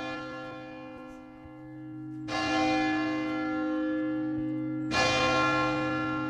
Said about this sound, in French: on se trouve sous la cloche de la cathédrale Saint-Vincent de Saint-Malo. On en a 5 en fait, mais on voit que celle-ci, pour l'instant, c'est la première.